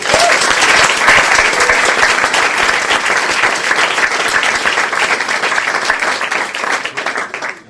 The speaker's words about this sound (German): Liebe Menschen, begrüßen Sie bitte mit einem herzlichen Applaus